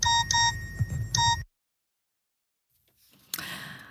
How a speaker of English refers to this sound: There we go. There's the school bell.